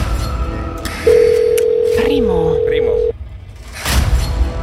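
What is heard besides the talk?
telephone ringing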